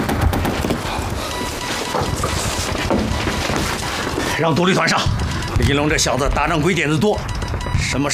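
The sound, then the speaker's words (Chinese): Heavy gunfire and machine-gun fire from Japanese troops rattle in dense, rapid bursts, loud. Partway through, a man starts talking over the continuing barrage. “鬼子的火力太猛，齐齐二团又撤下来了。”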